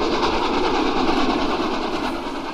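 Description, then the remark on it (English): The up mail train, the 12:40, rolls along the rails at the level crossing with a loud, steady rumble and rhythmic clatter, holding a constant roar throughout with a thin tonal whine riding above it. No one speaks. “The upmail! The upmail!”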